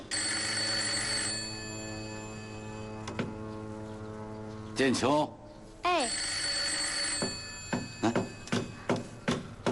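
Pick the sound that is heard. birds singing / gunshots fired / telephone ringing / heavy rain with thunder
telephone ringing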